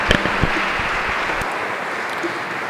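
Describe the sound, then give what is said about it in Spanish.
An audience at a church Mass claps for mothers, a dense, even wash of many hands with no clear rhythm, with a few sharper claps and murmured voices near the start. “Le damos un fuerte aplauso a estas mamás y muchas felicidades y que Dios las bendiga.”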